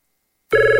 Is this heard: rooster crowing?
no